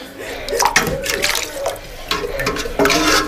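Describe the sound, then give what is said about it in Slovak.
Water sloshes and splashes as a boy scoops it from a bucket into a cup inside a railway wagon, a few uneven pours and dips, with faint voices in the background. “Áno, teta, naberiem vám z vedra, ale nemám čím.”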